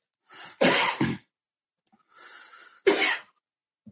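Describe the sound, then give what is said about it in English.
A person coughs in two bouts: a sharp double cough, a pause with an audible breath in, then one more harsh cough. No one speaks. “when I'm pointing, that means I'm coughing, and you got to take over the conversation.”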